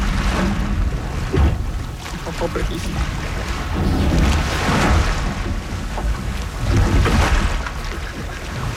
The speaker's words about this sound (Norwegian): Deilig bølgeskvulp.